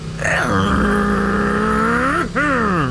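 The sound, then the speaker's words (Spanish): A voice imitates a motorcycle revving, a steady buzzing drone that rises, holds, then dips briefly before a second rising rev, loud and alone. “Imagínense al compadre, pero pisándole a la moto.”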